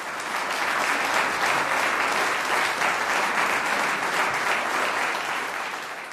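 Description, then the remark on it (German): Sustained audience applause for the woodwind quintet Aires Tropicales, a dense, even wash of many hands clapping at steady loudness throughout, with no voices standing out. “Applaus für das Holzbläserquintett Aires Tropicales.”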